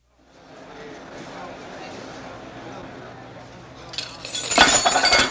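A low murmur of background chatter runs for a few seconds, then a glass clinks and a loud, hissing splash of water spilling all over the floor as someone slips bursts out and carries through to the end.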